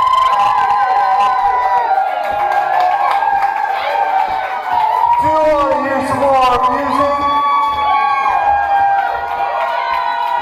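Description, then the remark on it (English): A large concert crowd cheers and screams loudly and continuously for a band that has just performed, high-pitched shrieks and whoops piling over one another, while a man's amplified voice talks over the din. “You might have to let them go to the bathroom real quick or something, but then keep screaming though.”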